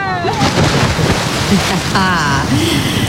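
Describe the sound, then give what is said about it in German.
A cannonball jump into water on a weekend in the Munich region, with a broad rush of splashing and sloshing that carries on for a few seconds while high, excited voices call out over it. “München und der Region klingt es am Wochenende so. Arschbombe!”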